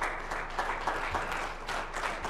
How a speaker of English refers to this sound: Give God a hand clap for that.